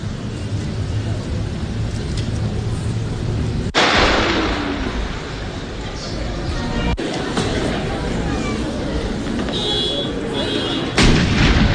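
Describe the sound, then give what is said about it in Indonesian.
Loud cannon blasts of a ceremonial gun salute at Fiji's 56th Independence Day ceremony, spaced several seconds apart, each sharp boom followed by rolling echo over a constant outdoor rumble, with no one speaking. “Sementara itu, dalam upacara Hari Kemerdekaan ke-56 Negara Fiji, sejumlah prosesi upacara dilakukan, mulai dari pemeriksaan pasukan oleh Presiden Fiji, parade pasukan, hingga tembakan salto dan tembakan meriam.”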